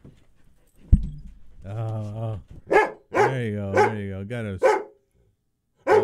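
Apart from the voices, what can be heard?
dog barking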